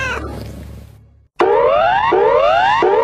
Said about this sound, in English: This siren is part of the new bushfire alert levels. You may hear it over the radio if a bushfire is in your area.